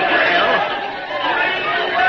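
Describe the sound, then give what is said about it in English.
A dense crowd chattering steadily, many overlapping voices merging into a loud, continuous murmur with occasional raised calls rising above the din. “Oh, listen to that crowd.”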